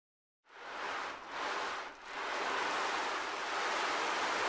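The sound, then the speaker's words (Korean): Seaside surf rushes in after a brief silence, with a couple of swelling wave surges followed by a steady, fairly loud wash of water. No voices are heard. “하지만 청개구리는 그 말을 듣지 않고 바닷가로 갔어요.”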